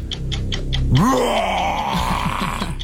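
A lion's roar: a loud, deep groaning bellow that surges up in pitch and holds for over a second, then trails off into low, rumbling grunts. Faint rhythmic pulses come just before it.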